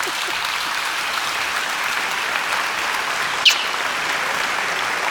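Sustained applause from a crowd, a steady dense wash of clapping throughout, with one sharp louder clap or knock standing out near the end.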